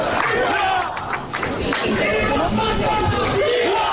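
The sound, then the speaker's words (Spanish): A dense, loud crowd of people in hats and caps, carrying yellow flags, fills a city centre with overlapping shouts and yells, many voices rising and falling together in a steady roar with no pauses. “Ataviados con sombreros, con agua en la nuca, con sprays, con gorras, con banderas amarillas y con gritos.”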